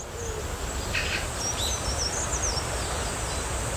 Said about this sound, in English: You can't see them, but the chirping is so welcoming.